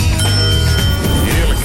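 A bright ping of a small bell rings out, its clear tone hanging steadily over a low background rumble before fading away.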